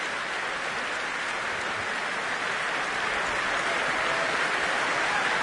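Sustained applause from a large audience at the Proms after a performance of Poulenc's Double Concerto, a dense, steady wash of many hands clapping together, loud and unbroken for the whole stretch, with no voices standing out.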